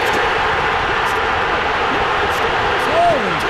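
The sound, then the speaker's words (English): A huge baseball stadium crowd roars without pause as Brewers outfielder Jackson Chourio hits with two outs and the bases loaded in the ninth against the Padres, a dense, loud wall of cheering and shouting that holds steady throughout, with a brief rising whistle or yell near the end. “Might want to turn down the crowd”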